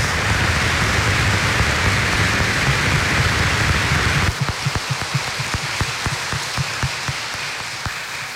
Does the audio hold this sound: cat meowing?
no